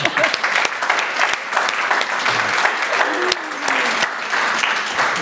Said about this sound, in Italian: Sì. Merita un applauso.